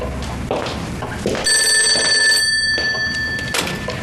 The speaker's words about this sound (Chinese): 我先接个电话。